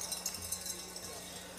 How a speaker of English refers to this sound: And we sure hope you have your cowbells with you. So let's make a little ringing noise out there, please. There we go. So great to hear those.